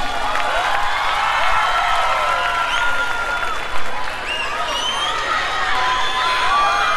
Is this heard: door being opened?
no